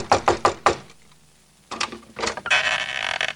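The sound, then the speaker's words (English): Four quick, sharp knocks on the door of a house in the city ring out, followed by a pause and then a rustling, shuffling burst of noise. No one speaks. “Following the street signs, he went straight to the house of his cousin, Monty City Mouse, and knocked on the door.”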